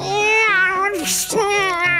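A cat meows loudly and close by, two long wavering calls separated by a short breathy, hissing burst.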